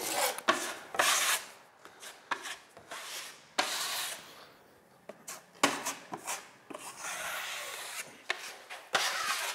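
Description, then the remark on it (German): Rough, raspy sanding strokes during the interior renovation of a house scrape back and forth in an irregular rhythm, fairly loud, with brief pauses between bursts and no voices. “Ich bin genaht beim Innenausbau, beim Verspachteln und beim Schleifen.”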